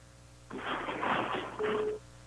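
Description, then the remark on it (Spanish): Telephone dialing tones come through a speakerphone as a call is placed to a woman customer from a mobile phone shop: tinny, band-limited electronic beeps in two close bursts lasting about a second and a half, moderately loud over faint background hum, with no one talking. “A ver, vamos a poner acá el teléfono.”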